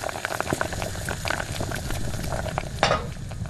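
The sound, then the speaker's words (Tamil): A pan of cabbage curry bubbling and sizzling steadily on the stove, with a dense crackle of popping bubbles and a brief louder hiss near the end; no one speaks. “அது வந்து அடுப்புல கோஸ் கறி வச்சிருந்தேனா.”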